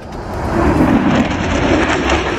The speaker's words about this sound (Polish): Supernowoczesne myśliwce F-35 przelecą także nad centrum Łodzi. Jutro najnowsze F-y przelecą nad całym krajem.